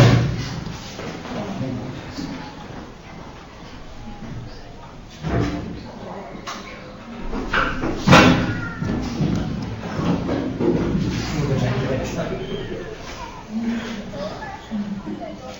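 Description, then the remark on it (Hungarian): A heavy chair, too heavy for the person holding it, drops and lands on the floor with one loud thud, set among scraping and shuffling sounds while people talk in the background. “csak nehéz a szék, és nem bírtad el, semmi baj nincsen.”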